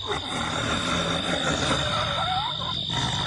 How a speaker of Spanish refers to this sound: ¡Allá se mueve algo! ¡Un tigre! ¡Seguro fue un tigre!